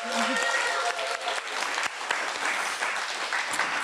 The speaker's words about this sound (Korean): 박수 한번 주실까요? 한번 더.